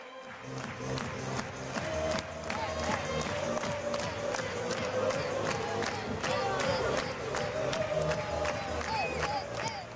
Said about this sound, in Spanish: Todos a la espera, todos mirando, todos concentrados en Álvaro Morata, mientras también se animan con esas palmas los aficionados, el juego de humo, esperando a Álvaro Morata.